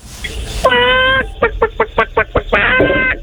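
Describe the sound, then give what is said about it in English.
A voice imitates a chicken in a high pitch: a long squawk, then a quick run of short clucks, ending in another drawn-out squawk, loud. “Okay, and now can I get the same chicken sound effect, but with a higher pitch?”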